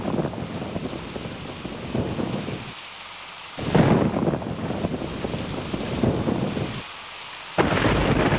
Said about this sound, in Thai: พายุฝนฟ้าคะนองแล้วเราวิ่งเข้าไปหลบที่ตู้โทรศัพ